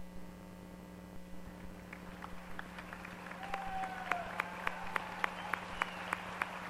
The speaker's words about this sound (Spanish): Concluyo con el agradecimiento de las mujeres hoy reunidas, las cuales me honran siendo su portavoz y a quienes pido se pongan de pie para brindar un fuerte aplauso.